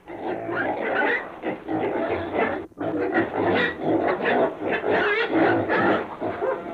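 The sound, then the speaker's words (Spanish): A pig grunts and snorts almost without pause, a loud, rough run of throaty noises broken by one short gap partway through, with no talking. “¡Coche! ¡Coche, apártese, mi madre! ¡Coche!”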